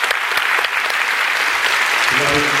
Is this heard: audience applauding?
yes